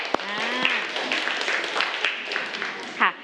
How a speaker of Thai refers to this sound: แต่ก็มีเพื่อนบางคนที่สามารถตอบได้ปรบมือให้กับเพื่อนหน่อยค่ะ